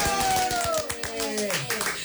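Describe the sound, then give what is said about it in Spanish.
A round of applause welcoming a guest on a program: quick, steady hand claps keep a fairly even rhythm for about two seconds, with a voice-like tone sliding slowly downward over the clapping. “¡Aplausos!”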